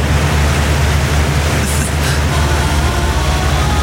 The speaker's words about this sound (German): Geräusch des Tages vermutlich das hier. Der Ventilator. Wenn man den dann volle Bulle aufmacht, dann klingen diese Teile ja so.